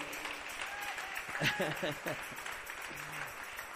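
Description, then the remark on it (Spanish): A church audience applauds the King (God) in a steady, dense wash of clapping that lasts the whole clip, with voices calling out and singing over it. “Aleluya, démosle ese aplauso al Rey.”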